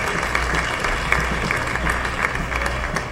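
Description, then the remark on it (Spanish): An audience at an evening church service claps hands for the Lord in a steady, dense wash of applause, many sharp overlapping claps at a moderate level with faint crowd murmur underneath. “¿Cuántos le dan palmas al Señor en esta noche?”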